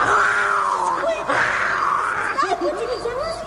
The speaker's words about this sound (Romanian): Nici o mișcare până când nu auzi strigătul leului, așa.